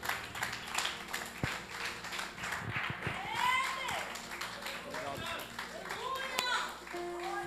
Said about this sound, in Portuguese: As palmas louvam ao Senhor. Glória a Deus.